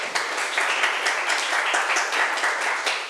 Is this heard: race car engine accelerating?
no